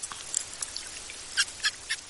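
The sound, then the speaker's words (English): Araguaian river dolphin calls, recorded at the Mocajuba fish market on Brazil's Tocantins River: faint, scattered squeaky chirps, then three brief, louder high-pitched pulses in a steady rhythm near the end, over a soft background hiss with no talking. “He says another thing that sets his study subjects apart from marine dolphins are their calls.”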